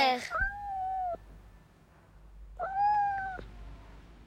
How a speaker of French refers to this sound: Miaou, mon petit chat. Pourquoi es-tu si triste? Miaou, mon petit chat. Pourquoi pleurer comme ça?